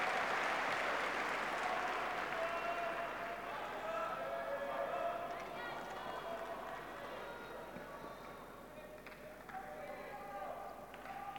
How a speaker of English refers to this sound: Shouts from this center court crowd. Desperate for more action here tonight.